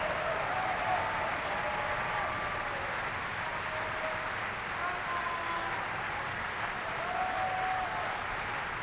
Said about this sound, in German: Und es gibt viele Bravo-Rufe für Andreas Schager.